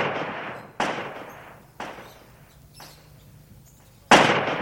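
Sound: gunshots echoing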